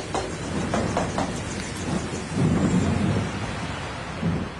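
Heavy, steady rain pours down with a dense hiss, while low rumbles of thunder roll through, swelling loudly in the middle and again near the end. No voices are present.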